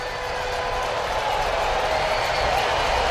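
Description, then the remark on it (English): A sellout stadium crowd at a baseball game, waving red pom-poms, cheers in a steady, continuous roar, a dense wash of many voices that holds at an even, fairly loud level for about three seconds without pause or distinct words. “Sellout crowd coming to life.”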